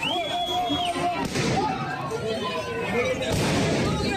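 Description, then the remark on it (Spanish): Two sharp, loud gunshot bangs, fired into the air by police to disperse a crowd of protesters in Madrid, ring out about two seconds apart over a dense, noisy crowd, with shrill whistles cutting through the din. “La policía no ha llegado a cargar contra los manifestantes, miembros del grupo neonazi Núcleo Nacional, que estaban lanzando piedras y sillas contra ellos, pero sí que han lanzado disparos al aire y gas pimienta para dispersar a la multitud.”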